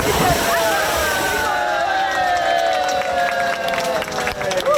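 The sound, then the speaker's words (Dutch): Busy outdoor pool ambience: steady splashing and sloshing water mixed with a lively crowd of voices and occasional shouts, fairly loud and continuous throughout; swimmers swim laps at an open-air pool from 1965 in Zwifterband, reopened after renovation on a warm weekend. “Zwembadliefhebbers in Zwifterband die kunnen eindelijk weer baantjes trekken in een openluchtbad.”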